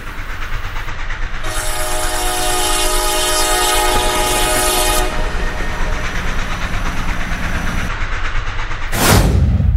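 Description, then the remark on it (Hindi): A train rumbles steadily while its horn blares in one long, loud blast, then a sharp rushing whoosh near the end as it sweeps past; the train is approaching people on foot on a railway bridge. “उस station master ने बताया भी नहीं कि इस वक्त कोई ट्रेन आने वाली है।”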